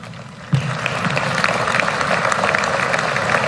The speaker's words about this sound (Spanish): Dudaron aplaudir ahí un poquito, ¿no?